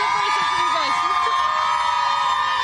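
A big crowd roars and cheers at an outdoor Pride event in New York City, a steady loud wash of many voices with high shouts and whistle-like tones rising and falling throughout.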